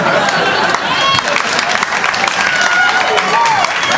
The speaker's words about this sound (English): I like her. She's laughing, she's clapping, she's not yelling anything. I like that.